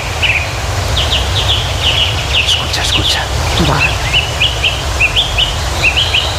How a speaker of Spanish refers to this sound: el mirlo, el ruiseñor, las oropéndolas, el alcaudón, el picapinos, entre otras muchas especies que, como los vecinos de por aquí, celebran el valor de los bosques y del agua